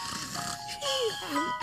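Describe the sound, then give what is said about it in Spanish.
Cartoonish snoring: breathy, rasping inhales broken by thin whistling tones that slide downward, about two snore cycles over a short stretch, moderately loud with no talking. Tyler is snoring as usual, early in the morning in the big city. “temprano en la gran ciudad, Tyler está roncando como de costumbre y el señor cobaya estaba junto a él.”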